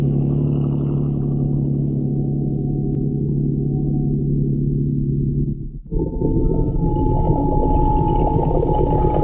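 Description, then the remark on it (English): A motorboat engine idles with a steady, loud low drone, then briefly dips and settles into a rougher, slightly higher-pitched throb as the throttle changes, the boat kept headed upstream with just enough throttle to hold against the tide. No voices. “Keep her headed upstream. Just enough throttle to hold against the tide.”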